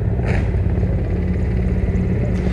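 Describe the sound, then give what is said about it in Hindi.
A steady, loud low-pitched engine drone with a rhythmic throbbing, filling the whole stretch without pause, from Mi-17 helicopters passing overhead while showering flowers over the ramparts of the Red Fort. “और इस समय आकाश आकाश में जो स्वर हमें सुनाई दे रहे ध्वनि सुनाई दे रही है वो उन हेलीकॉप्टर्स की है जो पुष्प वर्षा करते हुए लाल किले के प्राचीर के ऊपर से गुजर रहे हैं और लोगों की निगाह उसी आसमान की तरफ है।”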